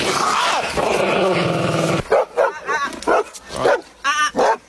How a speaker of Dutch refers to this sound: Waren dat inderdaad van die lieve honden die we net hoorden? Ik denk dat ze in de basis heel lief zijn.